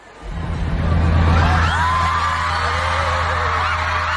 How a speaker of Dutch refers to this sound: Als je dit zou horen, normaal gesproken in een stadion, dan zou je geen idee hebben waarom iedereen aan het juichen is.